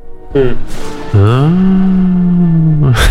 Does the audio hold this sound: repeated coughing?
no